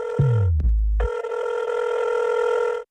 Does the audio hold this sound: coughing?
no